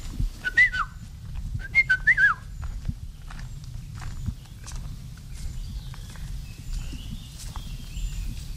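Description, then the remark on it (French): A yellow-and-black songbird in the canopy whistles two short, fluting phrases early on, the second a quick run of liquid notes, over steady low rustling and footstep-like noise. “Et si on pouvait le voir, souvent on ne le voit pas, il est dans la canopée, c'est un oiseau jaune et noir.”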